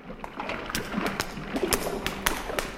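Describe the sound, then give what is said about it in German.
Someone tries a locked door in a corridor: a series of sharp clicks and dull knocks as the handle is rattled, with a soft rustling background and no talking. “Die erste Tür ist schon mal verschlossen.”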